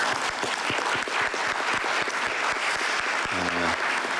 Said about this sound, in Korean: 우리 정은경 장관님과 그다음에 그 담당 공무원 그리고 노력해 주신 정치권의 국회의원 여러분 그리고 의료인 여러분께 제가 박수 한번 드리고 싶습니다.